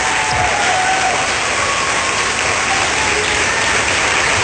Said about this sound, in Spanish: ¡Aplaudile con ganas!